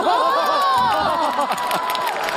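A lively group cheers and shouts with excitement as they gather to watch television, the noise loud and continuous, likely with scattered clapping mixed in, voices overlapping throughout.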